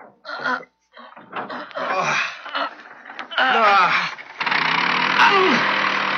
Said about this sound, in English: Well, let's give this motor a try before we attach the propellers and shafts. See if it still works. Okay, here goes.